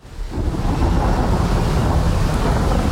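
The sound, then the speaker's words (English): Steady winter wind in the Wicklow Mountains roars without a break, a dense, rumbling gust that swells in over the first half second and then holds loud and constant, with no voices. “Relax and unwind to the sound of the Wicklow Mountains in winter.”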